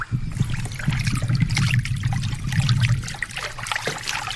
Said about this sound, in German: Oh je, da ist ein Fluss.